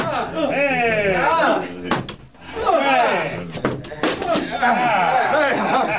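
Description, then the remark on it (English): A couple of heavy thuds slam against a wooden door as men strike it with a battering ram to break into a store, nearly buried under loud, overlapping shouting voices that carry on throughout. “Open up or I'll break the door down! Get a battering. All right, men! Bring the battering ram! Bust the store in!”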